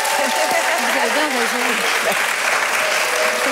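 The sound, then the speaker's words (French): An audience applauds steadily, a dense wash of clapping that holds at an even loudness throughout, with a voice speaking faintly underneath. “Eh bien, ça s'applaudit, non ? Ça s'applaudit, ouais.”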